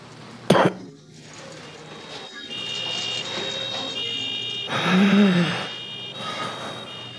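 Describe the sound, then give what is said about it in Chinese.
A person who has been coughing persistently coughs: one sharp cough bursts out near the start, followed by rough, breathy throat sounds against a steady background hum. “我的右小腿痛，一直出汗，我一直在咳嗽，我认为是结核病。”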